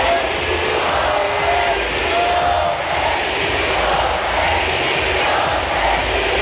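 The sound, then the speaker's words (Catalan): A concert crowd screams and cheers wildly, a dense, steady roar of many voices that stays loud for the whole stretch, with higher shrieks and whoops rising out of the din. “Seriós, aguanta, però els crits de bogeria del públic fan que li costi evitar el somriure.”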